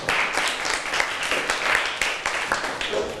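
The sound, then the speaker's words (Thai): A group of students in a class applauding themselves, a dense, steady patter of many hands clapping for about three seconds at a fairly even loudness, with no one speaking over it. “เก่งมากๆปรบมือให้ตัวเองอีกหนึ่งครั้งค่ะ”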